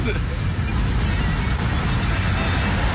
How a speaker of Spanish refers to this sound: ¿Qué tal estas grúas echando carreritas?